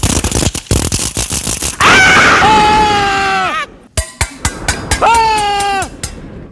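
Loud metallic clattering and banging give way to a long, shrill grinding screech, followed by a few sharp clanks and a second drawn-out squeal, harsh with no talking.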